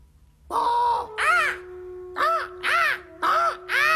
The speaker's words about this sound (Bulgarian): Та птица! Някаква. И тя отлетя.